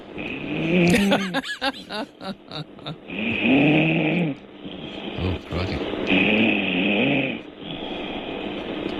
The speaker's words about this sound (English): She's going to snore herself awake by the sound of it. That was she got closer to the phone. Yeah. Or the snoring got louder, I don't know.